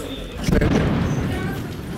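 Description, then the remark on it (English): A heavy explosion, not far away, booms about half a second in during a Russian attack on a city with drones in the air, its low rumble rolling on for a moment over steady outdoor noise, with scattered sharper bursts of air defense fire in the background. “There's another explosion, and we also can hear a little bit of air defense going off.”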